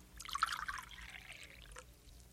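Strong coffee is poured into a cup in one short pour, a soft gurgling stream that rises in pitch as the cup fills and then trickles off. No one speaks.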